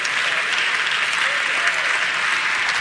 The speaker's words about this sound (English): Thank all 20 of y'all for clapping on that. I appreciate that.